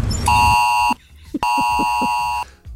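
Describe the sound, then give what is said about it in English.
A loud electronic alarm in a hospital sounds two long, harsh, buzzing beeps separated by a short pause, with faint background noise in between. “Well, there were so many other beeps in the room, but that went off.”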